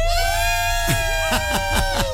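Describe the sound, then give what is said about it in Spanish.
A group of five people shouts a short team cheer declaring they are ready to do everything possible, in a series of sharp, rhythmic bursts, about five punchy syllables, over a steady sustained tone in the background. “El Serpentario, grito de estamos listos, de vamos a hacer todo lo posible”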